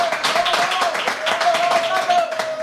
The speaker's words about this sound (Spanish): Lo de la fila del final no han aplaudido, que lo sepáis.